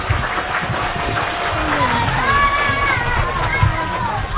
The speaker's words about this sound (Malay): Kalau sudah siap, ayo kita mulai Idola Anak dengan tepuk tangan yang paling meriah.